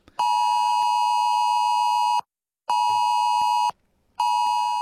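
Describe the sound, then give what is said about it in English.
A loud, piercing AusAlert emergency phone alarm tone, sounded in an Australia-wide test of the alert system, blares in steady, buzzy blasts: one long burst, a short gap, a shorter burst, then a third starting, with no voices. “Even if you've got your phone on silent or do not disturb, you will hear that sound, that AusAlert alarm sound on Monday.”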